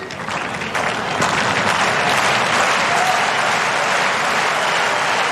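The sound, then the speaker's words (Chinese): A tennis crowd cheering on Sinner during his match applauds steadily, a dense, sustained patter of clapping that holds at an even, fairly loud level for the whole stretch, with no one speaking over it. “现场观众也都在给辛纳加油。”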